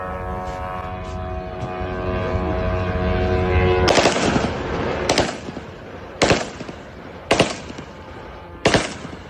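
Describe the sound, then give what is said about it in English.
A steady, high buzzing drone hum plays alone for a few seconds, then five loud, sharp rifle shots ring out at uneven intervals over a rough background rumble as a Russian soldier tries to shoot down the drone with small arms fire. “Social media has been flooded with videos of the attack, including one which appears to show a Russian soldier attempting to shoot down a drone using small arms fire.”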